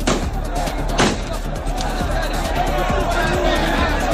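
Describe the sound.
Two sharp, loud gunshot cracks from Spanish National Police firing into the air and at the ground ring out about a second apart at Loma Colmenar in Ceuta, beside tents set up to register migrants, over a constant hubbub of crowd noise and scattered shouting voices.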